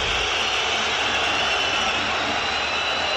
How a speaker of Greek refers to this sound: Η αποδοκιμασία για τον Πέρτο.